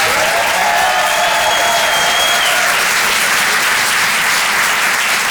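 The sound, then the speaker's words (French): Loud, sustained applause from an audience at the Rire et chanson Comedy Club for a stand-up comedian, a dense wash of clapping that holds steady for several seconds with no one speaking over it. “Faites du bruit, s'il vous plaît, pour Vincent Serroussi.”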